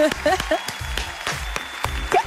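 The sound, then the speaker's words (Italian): Short burst of applause, several sharp claps in an uneven rhythm with voices and cheering mixed underneath, fairly loud throughout. “Un applauso.”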